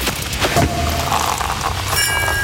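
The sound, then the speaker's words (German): Sparkling wine corks popping: a couple of sharp pops followed by a steady fizzing hiss, ending with a bright, thin ringing tone. “immer, wenn ihr bei uns die Sektkorken knallen hört, Achtung, schneller Beispielton.”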